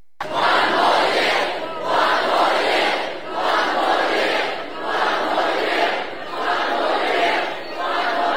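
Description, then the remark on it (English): Thousands of fans at Brisbane's River Stage, celebrating their team's third AFL premiership in a row, chant in a steady, repeating rhythm, their massed voices swelling and dipping in regular waves roughly every second and a half, loud and continuous throughout. “Thousands of fans have packed Brisbane's River Stage to celebrate with the team.”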